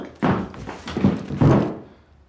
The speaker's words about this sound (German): So fällt ein normaler Mensch um.